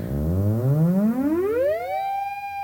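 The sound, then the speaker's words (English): A loud electronic bup-bup pulse from an electronic instrument speeds up steadily as fingers move toward its antenna from about a foot away. Its repetitions blur into a rising buzzy pitch that settles into one continuous, steady tone. No one speaks. “But as I approach it, it'll get much faster and you'll hear those bup, bup, bup, bup, bup repetitions turn into like a continuous tone.”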